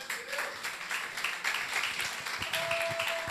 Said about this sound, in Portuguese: E as palmas louvem ao Senhor.